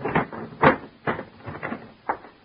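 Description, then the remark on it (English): A trunk lid is forced down again and again, making about five dull thumps and rattles at an uneven pace, with no one speaking; it will not shut because a hairbrush is caught between the edges at the bottom. “I tugged at it. It wouldn't shut.”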